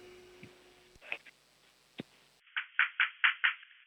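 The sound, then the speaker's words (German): A six-year-old boy from Vienna knocks on a door for a radio show: a quick run of about six firm knocks, evenly spaced and fairly loud, preceded by a few scattered taps and clatters. “Okay, dann musst du zur Tür gehen und anklopfen, aber so richtig laut.”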